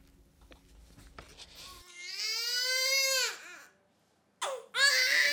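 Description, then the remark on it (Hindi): A newborn baby that has just been born cries loudly in two bursts: a long wailing cry, a short pause, then a second sharp cry starting. A low hum of background noise sits under the opening moments. “इस शिशु ने अभी जन्म लिया, बहुत जल्द ये अपनी माँ की गोद में होगा दूध पीने के लिए।”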